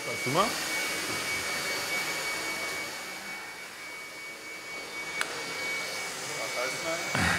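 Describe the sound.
The electric motor of a battery-powered, chain-driven vehicle runs steadily with a loud, even whirring roar and a thin, constant high whine. Brief voice sounds come through at the start and end.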